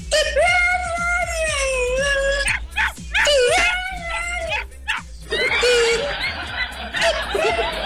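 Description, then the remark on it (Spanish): A dog howls in long, wavering, high-pitched cries, twice in a row, then breaks into strained whimpers and yips. It is loud, with a low steady hum underneath. “Saluda, Jack. Vamos a cantar las mañanitas nosotros mismos.”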